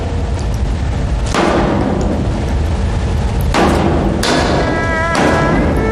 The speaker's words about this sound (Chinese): 你砸什么发电机啊？你有气朝我撒，你砸发电机不是个男人。 那是德国发电机，真可惜了了